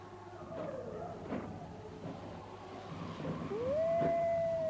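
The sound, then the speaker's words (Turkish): Wolves howl very close by, a long rising cry that swells and holds near the end, with fainter howls earlier, all over a steady noisy outdoor background. “Kurtlar yine başladı.”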